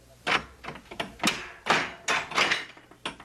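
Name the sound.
door being opened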